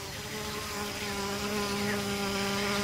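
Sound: buzzing of a fly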